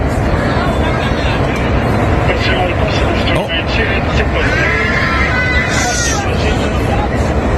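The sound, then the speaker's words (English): A dense murmur of many overlapping passenger voices at the back of an airplane in flight, with a steady low engine-like rumble underneath; constant and fairly loud, no single voice standing out. “All right, this is from the back of the plane.”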